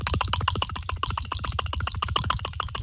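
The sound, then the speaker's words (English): A voice makes rapid, rattling clicks in a steady stream, about ten per second for a few seconds, imitating strange alien clicking. The sound is fairly loud, with no talking. “Can we hear some weird alien, like, strange clicking sounds?”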